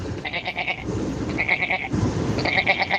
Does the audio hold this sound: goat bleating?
yes